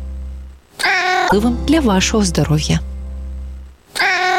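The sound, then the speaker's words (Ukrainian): A cat being let first into a new apartment meows loudly, several drawn-out, rising and falling cries in a row, with a short pause before a final meow, over a steady low hum. “В нову квартиру першим пускають котика.”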